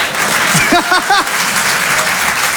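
An audience claps steadily in answer to the speaker's question about his accent, a dense crackling wash of many hands, with a few brief voices calling out over it near the start.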